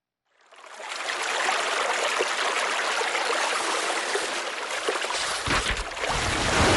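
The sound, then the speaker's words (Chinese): Steady, rushing water flows continuously after a quick fade-in, a broad hissing wash with faint trickling detail, swelling with a deeper surge near the end. No one speaks. “这是千年水秀，掠过时光的轻叹。”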